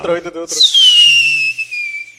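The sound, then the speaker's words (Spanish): A person vocally imitates a whistling rocket firework: a short voiced burst, then a long, loud, high whistle that slides steadily downward in pitch for about a second and a half. “Porque yo hice cómo explotó el cohete.”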